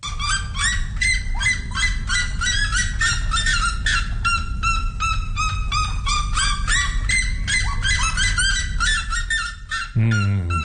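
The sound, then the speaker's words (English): A red-legged seriema, one of the world's loudest birds, calls loudly: a rapid, unbroken run of harsh yelping notes repeated over and over for about ten seconds before stopping abruptly. “its equally loud colleague, the red-legged Sarayima”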